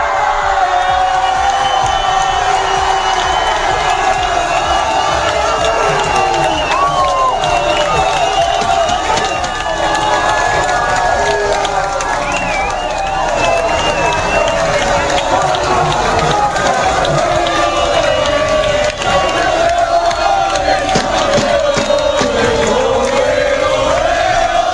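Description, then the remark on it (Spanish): A packed crowd of football fans in a bar in Seville, Spain, roars and cheers continuously as Spain's national team players lift the World Cup trophy, dense shouting and whooping at full volume with no letup for the whole stretch. “Y en esto que llegó el momento de levantar la Copa del Mundo los jugadores de la selección española, y así se celebró en uno de los muchos bares que estaban absolutamente abarrotados de aficionados en Sevilla.”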